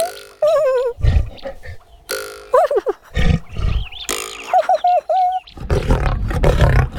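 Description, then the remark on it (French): A lion growls and roars in a series of loud bursts, deep rumbles mixed with rising, strained snarls, with short pauses between them and no one talking. “Le lion n'est pas content.”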